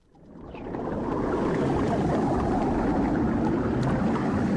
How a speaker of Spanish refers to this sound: Es el sonido del fondo del mar, así suena.